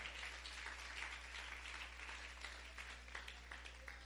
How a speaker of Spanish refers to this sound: Le alaba, le alaba, le alaba. Dele fuerte ese aplauso si es para el Señor.